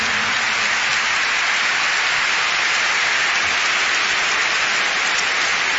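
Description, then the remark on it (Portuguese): Steady, dense applause from a fado concert audience welcoming the singer's guest, a musician, on stage. It fills the whole clip as a continuous wash of many hands clapping at an even, fairly loud level, with no voices over it. “eu gostava de vos apresentar aqui um senhor que me acompanhou neste disco …, nos únicos dois fados tradicionais que eu tenho, e que é o professor …, para quem eu peço uma grande salva de palmas, que é o meu convidado desta noite.”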